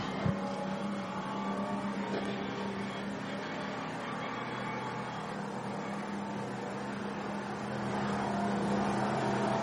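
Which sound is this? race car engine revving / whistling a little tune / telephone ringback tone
race car engine revving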